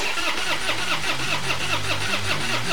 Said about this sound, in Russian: Машина не заводится? Не беда.